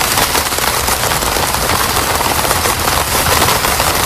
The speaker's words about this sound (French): La pluie sur une tente. Sur une tente.